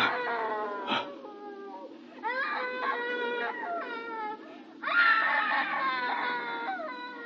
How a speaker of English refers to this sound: It's her, Dad. It's the screaming woman.